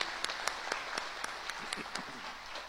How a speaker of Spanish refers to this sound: Yo creo que se merece también un fuerte aplauso como bienvenida.